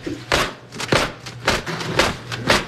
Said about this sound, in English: They're used throughout the show for people to cheer on the actors. She demonstrates how to make it clack. You have to hold it at the very end of the fan.